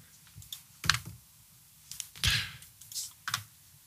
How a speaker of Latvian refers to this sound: Dzird, kā pels strādā?